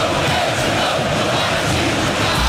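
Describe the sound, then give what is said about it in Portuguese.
A packed football stadium crowd at Itaquera, Corinthians' home ground in a match against Estudiantes, roars in a dense, continuous wall of voices, loud and steady throughout, with chanting and shouts blending together and no single voice standing out. “E Itaquera estava daquele jeito, lotada, pulsando.”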